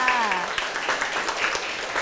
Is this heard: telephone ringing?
no